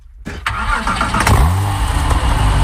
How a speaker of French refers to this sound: Une voiture. Oui, mais laquelle? Une Porsche. Oh, tout de suite. Non, c'est vrai. Ouais, c'est une Porsche. C'est vrai? Alors ça, c'est une Porsche 911. C'est une vieille Porsche